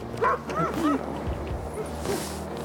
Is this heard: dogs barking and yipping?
yes